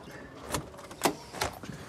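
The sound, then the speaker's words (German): An apartment door being unlocked and opened: three sharp mechanical clicks and clunks spaced about half a second apart, over a quiet, faintly hissing background with no talking. “Und jetzt machst du mir bitte die Tür auf.”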